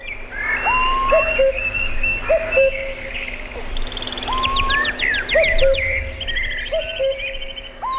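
A dense, noisy chorus of many birds singing at once, overlapping whistles, chirps and rapid trills filling the air continuously, fairly loud, with no voices.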